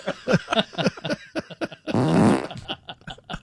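A loud, buzzing fart rips out for about half a second in the middle, flanked by quick, choppy vocal bursts before and after.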